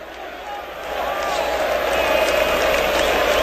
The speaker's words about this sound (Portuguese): mas pro seu lado direito a torcida puxa cânticos para empurrar o time do São Paulo. O protesto vem por parte das organizadas do lado esquerdo, que vão começar a cantar apenas depois dos 15 minutos. Ouça um pouquinho do Morumbi, ó.